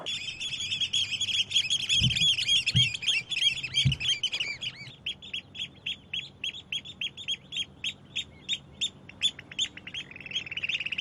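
Breeding-season birds call repeatedly and insistently, warning off females or rival pairs that come near their nesting spot: dense overlapping chirps giving way to a steady run of sharp, evenly spaced calls, with a few low thumps early on.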